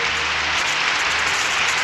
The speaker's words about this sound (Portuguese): Aplausos. Mais palmas.